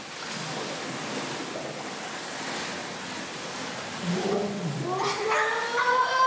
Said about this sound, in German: Versucht mal mit dem Mund zu blubbern, das heißt, wir atmen ins Wasser aus. Wir tauchen runter und blubbern so lange wir können.